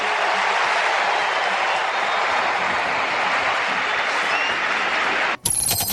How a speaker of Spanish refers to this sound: La ovación y la emoción para Messi.